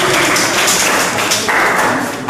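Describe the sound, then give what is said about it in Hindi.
A crowd claps steadily for Team D in a quiz, a dense, even wash of many hands slapping together at full volume with no voices over it. “बिल्कुल, तालियां हो जाए भाई टीम डी के लिए।”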